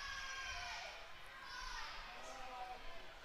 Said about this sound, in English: I can hear someone in the crowd screaming, fight.